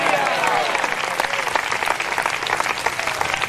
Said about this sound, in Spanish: A ese espíritu yo le digo esta tarde, ¡fuera! ¡Dele fuerte ese aplauso, Señor! ¡A su nombre!